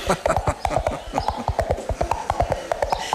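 Two hollow coconut halves knocked together in a quick, steady galloping rhythm, a classic radio-drama sound effect mimicking horse hooves: a crisp run of about twenty clip-clops in three seconds.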